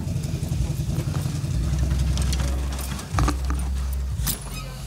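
A big truck tractor unit, about 19 years old and once used to pull tippers and low-loaders, idles steadily, a deep continuous rumble that dips briefly and returns, with scattered metallic clinks and rattles over the top while the front is opened to show the engine.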